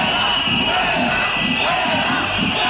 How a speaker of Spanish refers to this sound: Azcón, bajo una fuerte presencia policial, se ha acercado a los manifestantes para intentar hablar con ellos, pero los gritos han continuado.